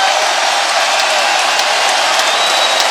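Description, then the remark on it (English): A big arena crowd at a Knicks playoff basketball game applauds and roars as Jalen Brunson scores a six-foot runner to seal the game, a steady, dense wash of clapping and cheering that stays loud and constant throughout, with no single voice standing out. “Fans applaud as Brunson drives, fakes the pass, shoots and scores from 6 feet with the runner to seal the deal.”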